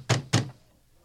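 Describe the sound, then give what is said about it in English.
Two heavy knocks pound on a wooden door in quick succession, loud, each a booming thud with a brief ring-out, followed by quiet; the council's guards, with Saul of Tarsus, knocking to be let in. “Open up! Open up in the name of the council.”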